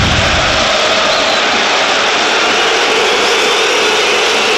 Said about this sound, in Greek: Η αποδοκιμασία για τον Μπέρτο.